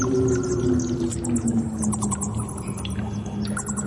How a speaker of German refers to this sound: Was ist das jetzt? Das, mein Lieber, ist eine Vampirfledermaus.